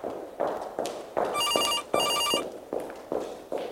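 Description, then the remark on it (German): A telephone rings demandingly in two short trilling bursts, set against a steady rhythm of distant high-heel footsteps clicking along a hard floor, which continue before, between and after the rings and then speed up. “Entferntes Gestöckel, dann ein läutendes Telefon.”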